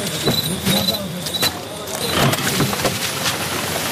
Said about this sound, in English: The truck is moving. We're moving.